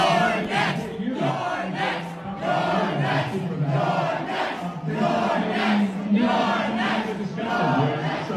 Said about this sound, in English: You're next. He's the Democrat leader in the House of Representatives, and the communists in New York are chanting at the Democrat leader in the House of Representatives, you're next. You're next, meaning we're going to target you.